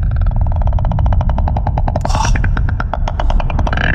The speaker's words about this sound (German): Und falls du dich das schon einmal mal gefragt hast, so klingt es in einem Wal.